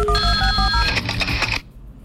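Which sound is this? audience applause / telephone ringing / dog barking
telephone ringing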